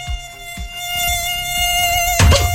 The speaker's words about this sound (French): Le maire de Saint-Just-Saint-Rambert dans la Loire, interdit une chose étonnante. Il a interdit à tous les moustiques tigres de voler.